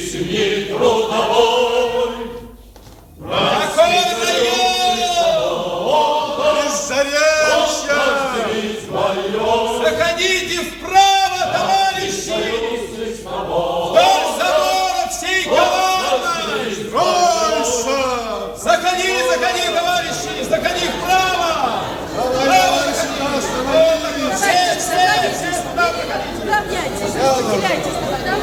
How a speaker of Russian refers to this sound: Большая толпа собралась уже перед укомом, а люди все идут и идут.